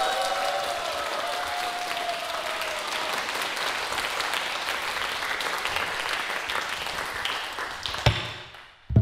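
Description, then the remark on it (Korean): An audience claps steadily for the drummer for several seconds, a dense, sustained wash of applause that fades out near the end, followed by a couple of sharp taps. “우리 제가 너무 사랑하는 이준영 고수님께도 큰 박수 부탁드립니다.”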